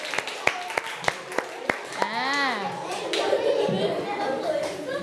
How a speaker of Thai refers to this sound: สุดยอดมากเด็กๆปรบมือให้กับตัวเองค่ะ